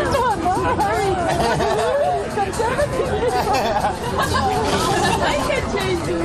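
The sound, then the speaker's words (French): Busy outdoor hubbub at the Beer Garden in the east part of parc de l'Etna in Prague: many overlapping voices chattering steadily, with bursts of laughter, clinks of eco-cups and birdsong beneath the dense crowd babble. “Tintement des éco-cups, éclats de rire et chants des oiseaux en fond sonore, bienvenue au parc de l'Etna.”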